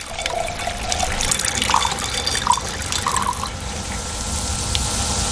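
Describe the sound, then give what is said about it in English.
Diluted acid pours steadily into a tank holding seashells as Professor Chris Langdon demonstrates the future of Earth's oceans: a continuous splashing trickle with brief bubbly gurgles, holding a fairly even loudness throughout with no voices. “克里斯兰登教授把稀释的酸倒进装有贝壳的缸里，以此演示地球海洋的未来前景。”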